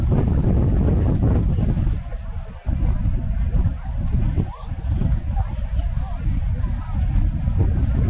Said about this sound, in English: A little movement in the air with a gust of breeze.